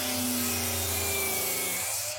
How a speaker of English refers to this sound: Oh, righto, yeah, that's a 184mm circular saw cutting through some PVC pipe. Got it in one, mate! Nail on the head!